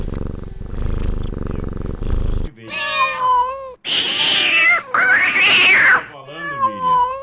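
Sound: cat meowing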